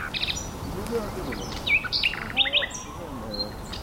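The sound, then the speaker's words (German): Nightingales singing outdoors along a narrow path through dense greenery, a string of bright whistled phrases, sharp chirps and trills layered over one another, with faint lower warbles and steady background hiss. “Ein Privatkonzert der Nachtigallen.”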